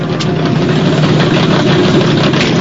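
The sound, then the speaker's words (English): A hot rod's engine rumbles loudly as the car peels off, a thick, steady low growl with constant power and no voices, lasting the whole short stretch. “They peel off, leaving the other car foamy and flat-tired.”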